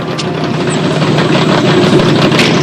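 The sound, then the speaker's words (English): A hot rod engine rumbles loudly and steadily, a throaty, continuous roar as the car peels off, with no voices. “They peel off, leaving the other car foamy and flat-tired.”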